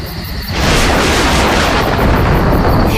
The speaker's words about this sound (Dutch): Daar is het weer. Ach, Pippi. Het is gewoon onweer. Niks aan de hand, hoor.